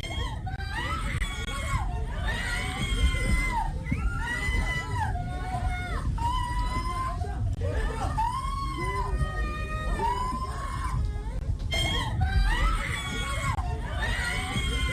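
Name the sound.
women screaming in alarm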